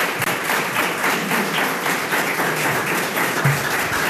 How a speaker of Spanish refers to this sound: Así que gracias, Ismael, y recibe el aplauso.